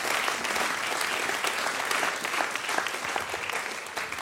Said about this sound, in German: Bitte einen Applaus, bevor ich. Danke schön.